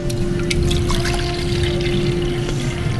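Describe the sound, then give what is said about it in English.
Water pours steadily into waffle mix to make cone batter in a kitchen for a few seconds, a continuous splashing and gurgling with no voices, over a faint low hum. “And then we add water to it.”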